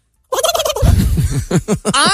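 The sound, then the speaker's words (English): A person imitates a turkey gobble while karate chopping their own neck. It is a loud burst of rapid, warbling pulses that turn lower and throaty midway, ending in a higher, drawn-out wavering call. “Okay, here's my turkey gobble.”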